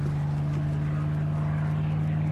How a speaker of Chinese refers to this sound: 那是咱们的飞机吗？